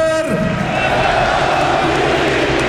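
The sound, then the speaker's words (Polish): A huge stadium crowd at Camp Nou in Barcelona applauds and chants the name Lewandowski in farewell to Robert Lewandowski, in a dense, unbroken roar that stays loud and steady throughout, with a brief tonal sound fading out at the very start. “Oklaski nastająco, skandowane nazwisko Lewandowski na Camp Nou i brawa dla kapitana.”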